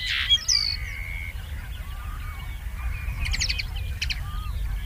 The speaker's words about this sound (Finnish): Viikon luontoääni hemppo